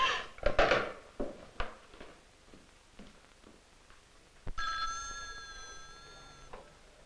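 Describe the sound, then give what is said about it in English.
A telephone bell rings with a sharp metallic burst, a few soft knocks and clatters follow, then a longer, steady two-second ring sounds. No one speaks. “Would you take this call, please, Miss Walker?”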